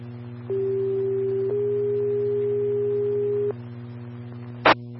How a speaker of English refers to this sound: Tones break. EMS on standby for tones.